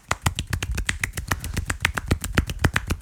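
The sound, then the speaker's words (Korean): A rapid, steady series of sharp slapping claps made with one hand, roughly seven per second, fairly loud with no talking over them. “저는 한 손으로 손뼉을 칠 수 있어요.”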